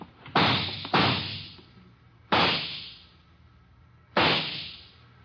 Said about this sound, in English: left in the direction of those shots.